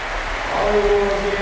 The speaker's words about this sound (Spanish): y se va a retirar Luka Modric. Vamos a escuchar la ovación del Poljud.